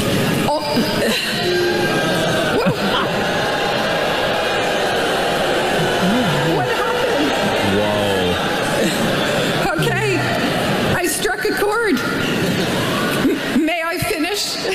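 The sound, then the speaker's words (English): A crowd of thousands boos a woman speaking on stage, loudly and continuously. The booing is a dense roar of many low, wavering voices that swells and holds for the whole stretch, with scattered shouts and chatter mixed in. “That just one person took off and then the whole crowd, thousands of boos.”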